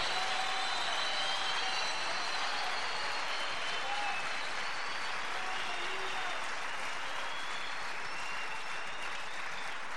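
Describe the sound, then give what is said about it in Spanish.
An audience applauds steadily for the full ten seconds, a dense, even wash of clapping from many hands with no voices rising above it. “¿Por qué tiene miedo de aplaudir si el Espíritu te está moviendo?”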